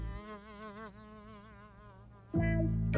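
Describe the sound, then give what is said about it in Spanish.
A fly buzzes with a wavering, droning hum that rises and dips in pitch for a couple of seconds before a sudden louder, fuller sound takes over at the end. “¿Es un tren? No, es solo una mosca.”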